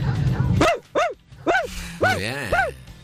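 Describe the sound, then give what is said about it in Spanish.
A voice imitates a dachshund's barking: five sharp, high yapping barks in quick succession, the last two closer together, loud with no other sound around them. “tengo un perro salchicha.”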